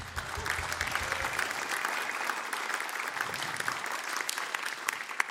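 A crowd applauds steadily, dense clapping holding at an even, fairly loud level for several seconds without pauses or voices breaking through.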